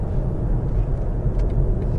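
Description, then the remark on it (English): A car cruising steadily at 70 miles an hour: a constant low engine and road rumble with a soft, even wash of wind noise over it, very little wind noise, no talking, no changes in pitch or loudness. “Now cruising at 70 miles an hour. Very little wind noise.”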